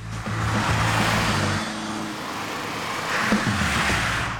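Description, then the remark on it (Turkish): An Alfasud car being driven at different speeds, its engine droning steadily with a low tonal hum that shifts pitch as it changes speed, over broad road and wind noise, loud and continuous with no talking. “Onu ilk kez farklı hızlarda sürüyorum.”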